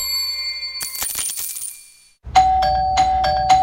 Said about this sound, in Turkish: Bir susmadı bonusluların zilleri. Ding dong ding dong. Durmadan kargo geliyor.